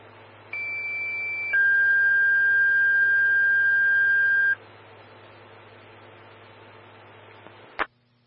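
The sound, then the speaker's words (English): A two-tone dispatch page for Evergreen Fire Station 5 and engine 132, sent to a ruptured gas line on Winter Gulch Road: a steady high electronic tone for about a second, then a lower, louder tone held for roughly three seconds, over a low radio hum, ending with a brief click. “Stand by for tones on the gap.”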